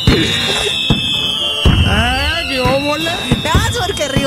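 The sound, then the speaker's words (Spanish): Firework rockets whistle upward in rising and falling tones, punctuated by several loud, sharp bangs spaced irregularly over a few seconds, dense throughout. “ahí le va los cohetes para Rigo Trejo”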